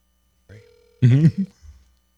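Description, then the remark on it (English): A brief, steady electronic ring tone sounds once through a phone line on an outgoing call, then cuts off as a man's voice speaks. “let's see if Cube the Great will answer. All right. Here we go. Famous phone.”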